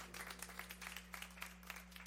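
An audience applauds with a steady, dense patter of many hands clapping, fairly faint and distant, over a low constant electrical hum, with no one speaking.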